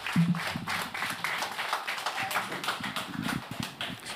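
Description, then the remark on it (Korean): An audience at the Manhae Arts Festival at Seonhakwon claps steadily to encourage a monk coming forward to speak, a dense patter of many hands sustained for several seconds at moderate volume, with no voices over it. “큰 박수, 힘찬 박수, 예, 격려의 박수 부탁드리겠습니다.”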